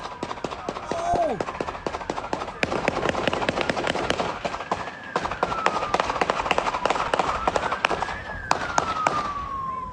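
A rapid, sustained volley of gunshots, dozens of sharp cracks in quick succession, in a shootout between police and a suspect in a Simi Valley neighborhood, after the suspect's pickup crashed into an unoccupied police motorcycle, recorded by a UPS driver, while a police siren wails steadily throughout.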